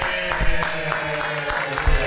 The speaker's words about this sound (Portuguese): Pera aí, vamos aplaudir, vamos aplaudir. Aê.